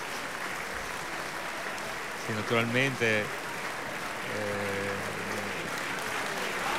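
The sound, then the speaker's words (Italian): A theatre audience applauds singer Jean-François Borras, performing as Don José, steadily throughout, a dense even wash of clapping, while a man speaks briefly over it twice. “Applaudito virtualmente anche dai nostri ascoltatori”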